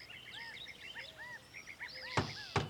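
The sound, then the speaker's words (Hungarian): Two sharp knocks, an ant knocking on the door of an old snail shell at the edge of a forest, a quick pair near the end, set against a steady background of bright, arching bird chirps and whistles. No one speaks. “Kop-kop, kopogott ajtaján a hangya.”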